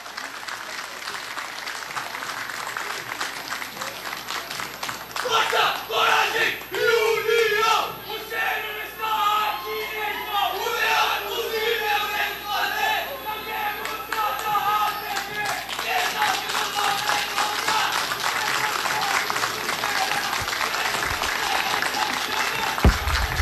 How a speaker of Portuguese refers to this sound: Homenagem à pátria do Grupo Escoteiro Almirante José de Araújo Filho. Vamos aplaudir.